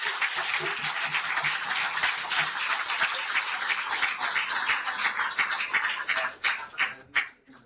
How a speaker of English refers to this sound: So please welcome Professor Ilan Pappe on his address on The Promised Land as Political Project, Deconstructing the Myth of the Greater Israel Vision. Ladies and gentlemen, round of applause for Professor Ilan.